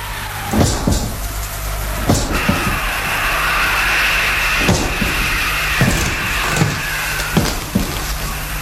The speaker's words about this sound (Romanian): A trântit cineva portița? Mi s-a părut.